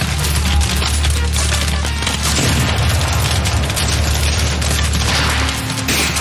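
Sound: cannon fire booms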